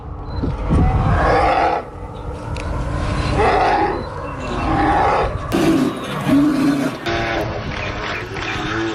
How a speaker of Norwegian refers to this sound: Der jakta hun altså blant annet på isbjørn, som du akkurat hørte lyden av der.